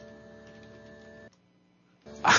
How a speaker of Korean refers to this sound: 아, 에어컨 실외기 소리. 에어컨 실외기 소리. 이런 소리.